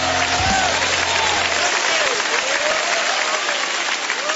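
A crowd claps steadily and enthusiastically in praise of God, a dense sustained roar of applause, with faint voices and a low hum beneath it.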